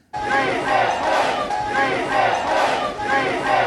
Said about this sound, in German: Mitten in der Nacht feiern Rettungskräfte, Helfer und Angehörige im Cali. Sie heben die Arme, jubeln und rufen. Ja, wir schaffen das. Gerade eben haben sie in der 2 Millionen Einwohnerstadt eine Person aus einem mehrstöckigen Gebäude gerettet.